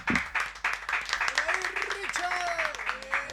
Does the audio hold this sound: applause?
yes